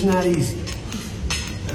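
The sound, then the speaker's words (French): Forks and cutlery clink against plates in a few sharp, bright taps during a meal at table with President Trump and the French president, scattered irregularly beneath a murmur of voices talking. “C'est donc l'image qui restera de ce moment inattendu et historique entre les bruits de fourchette, ou comme le dit le président français à la sortie.”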